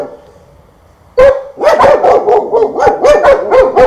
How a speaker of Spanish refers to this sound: Mis perritos como hacen bulla. Ya sienten que la gente ya se levantan, ya pues con destino a su trabajo. Por eso ya los perros también ya empiezan ya.